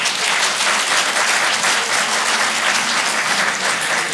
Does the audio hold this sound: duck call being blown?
no